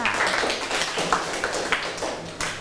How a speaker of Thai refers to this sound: เชิญด้านหน้าเลยค่ะปรบมือให้เพื่อนกลุ่มที่2ค่ะ